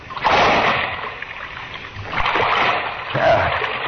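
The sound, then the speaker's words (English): A heavy splash as a person drops down into dark, waist-deep water, followed by sloshing and churning water that swells again near the end, fairly loud with no voices. “I don't know how deep the water is. Here goes.”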